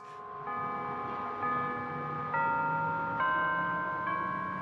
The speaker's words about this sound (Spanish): Unas 5,000 personas marchamos hacia la iglesia de Arlington Street. Al acercarnos, las campanas tocaban We Shall Overcome, Venceremos, así que yo estaba llorando.